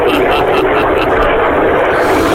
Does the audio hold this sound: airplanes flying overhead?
yes